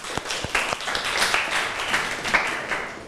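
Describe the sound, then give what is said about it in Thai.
A group claps in applause, beginning with a few distinct sharp claps that quickly build into a steady, dense patter of many hands, moderately loud and sustained throughout, with no voices over it. “ครูก็ต้องขอเสียงปรบมือให้กับคลิปสาระดีน่ารู้ในวันนี้ด้วยค่ะ”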